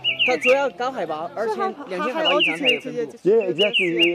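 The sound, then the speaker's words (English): A high-altitude bird, found only above 2000 metres, calls loudly with a steady stream of warbling, rising-and-falling whistled notes that run almost without pause for about four seconds. “He just heard the bird call.”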